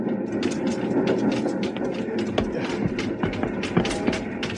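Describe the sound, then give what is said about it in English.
A small train rattles steadily along, jumping and rocking over uneven rails, a dense rumbling roar broken by frequent sharp clanks and jolts as the cars bump and sway, loud. “Little train jumping, rocking over the uneven rails.”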